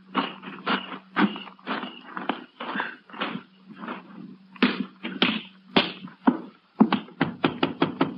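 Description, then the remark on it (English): A Texas Ranger's sharp knocks rap against the front door of a house again and again in uneven clusters, ending in a quick, steady run of blows, with a low constant hum underneath and no talking. “Wait till you hear me knock.”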